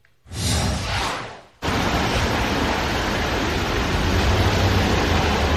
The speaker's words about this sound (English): The Eastern Seaboard actually yesterday dealt with some crazy rain. Heavy rain also in New York City.